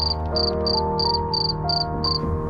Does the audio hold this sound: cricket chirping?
yes